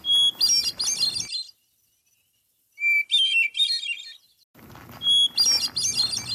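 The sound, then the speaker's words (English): Three clear, flute-like hermit thrush song phrases, each opening with a long pure whistled introductory note and then fluttering into rapid, ringing higher trills, separated by silent pauses and heard alone. “So that's hermit thrush.”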